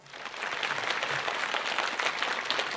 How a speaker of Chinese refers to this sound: 报以了热烈的掌声